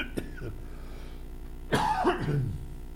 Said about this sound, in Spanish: Debe ser que... No sé, pero siempre que tengo que hablar, aparece la tos.